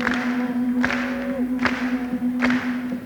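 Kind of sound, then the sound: crowd, audience clapping along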